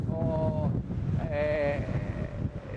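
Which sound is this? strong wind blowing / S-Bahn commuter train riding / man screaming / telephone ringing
strong wind blowing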